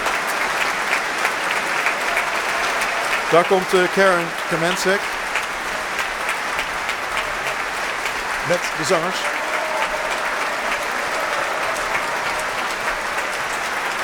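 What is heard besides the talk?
opera audience applauding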